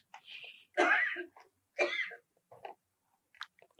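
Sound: someone sneezing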